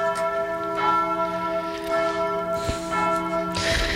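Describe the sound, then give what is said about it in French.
Church bells ring continuously with rich, sustained tones, overlapping strikes blending into a loud, steady wash of ringing without pause. “quand les cloches se mettent à sonner et ne s'arrêtent plus, moi ça me rend complètement feu ou.”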